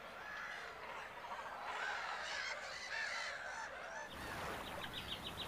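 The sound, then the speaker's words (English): A dense, noisy chorus of many birds calling at once at a cormorant colony on an island in a forest lake: harsh honks and croaks overlapping continuously and loudly. Near the end, quick repeated higher chirps join in. “The Cormorant Island becomes a magnet for countless hungry birds.”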